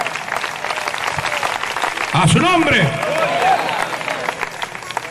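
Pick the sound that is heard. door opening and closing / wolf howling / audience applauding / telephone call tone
audience applauding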